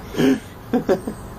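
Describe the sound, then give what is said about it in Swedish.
A crow produces a rough, human-like vocal utterance resembling swearing: one drawn-out harmonic call followed by three short clipped bursts, moderately loud against a quiet background. “Men det här är nog första gången vi har en kråka som svär.”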